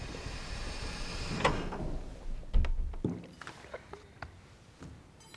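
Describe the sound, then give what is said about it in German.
Doors opening with a sharp click and a heavy low thunk, followed by scattered knocks and rattles of movement, no one speaking. “Türen öffnen sich.”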